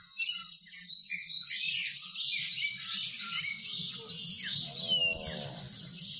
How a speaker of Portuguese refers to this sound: Os pássaros cantando, a natureza